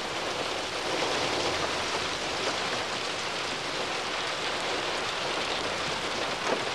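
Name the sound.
rain falling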